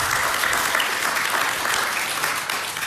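A crowd claps steadily throughout, a dense, even wash of many hands close by with no breaks, sustained at a fairly loud level for the whole few seconds.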